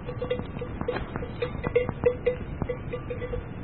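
A cowbell clanks repeatedly in an irregular, swinging rhythm as a cow walks, the metallic knocks over a steady low outdoor rumble, with no voices.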